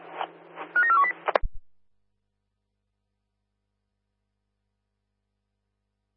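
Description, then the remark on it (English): A quick string of telephone dialing tones as a phone call to an office is dialed, several short beeps at shifting pitches over a steady hum, ends in a sharp click, followed by silence and a brief burst at the very end. “Yeah, we are getting into the office, just dial now, over.”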